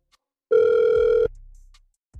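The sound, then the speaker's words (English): A single steady electronic ringback tone sounds on an outgoing phone call placed by the Get Up Crew show, a loud burst under a second long, then fades into a low line hum with no voices. “We're going to try and call him right now.”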